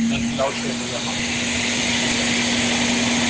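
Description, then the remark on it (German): A Kärcher floor scrubber machine drives around cleaning, with a steady motorized drone and a constant low hum, with a voice briefly audible near the start. “Kärcher, Bodenschubber, sauber Dings.”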